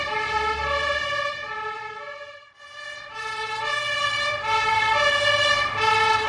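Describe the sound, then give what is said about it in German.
A fire engine's siren wails loudly and continuously, its harmonic tone rising and falling in steady cycles, with a low engine rumble underneath and a brief dip midway, as the fire engine drives onto the A1 autobahn to an accident with a tanker truck and burning petrol. “Jetzt geht es los. Wir fahren auf die Autobahn A1. Ein Tankwagen ist verunglückt.”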